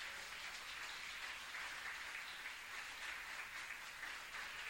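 An audience applauds the Lord steadily for several seconds during a sermon, a dense, even wash of many hands clapping at once with no voices heard over it, sounding somewhat subdued.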